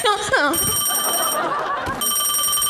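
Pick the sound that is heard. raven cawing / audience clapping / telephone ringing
telephone ringing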